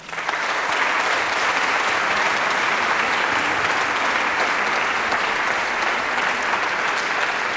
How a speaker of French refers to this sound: C'est évidemment l'équipe et les équipes de Flagey, qui est un lieu magnifique, mythique, avec des gens qui travaillent avec un engagement, de la passion et un grand professionnalisme. J'aimerais bien que vous les applaudissiez.